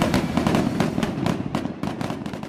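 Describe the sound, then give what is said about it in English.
Rapid, crackling bursts of fireworks pop in quick succession over a dense rumbling backdrop, loud and continuous, like a busy barrage going off. No voices are heard. “We're talking about fireworks displays.”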